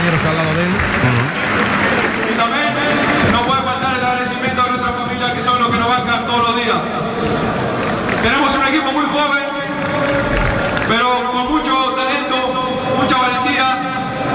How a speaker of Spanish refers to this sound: A los empleados también, aplauden.